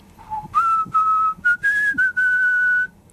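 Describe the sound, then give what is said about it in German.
A man whistles his favourite song to himself while working: a low opening note, then several clear, sustained notes stepping higher and shifting in pitch, with brief breaths between phrases and no talking. “Er pfiff dabei sogar sein Lieblingslied vor sich hin.”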